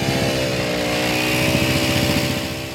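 A loud, steady small-engine drone with a rapid pulsing vibration, close by and continuous throughout, like a plate compactor working on a construction site. No one speaks.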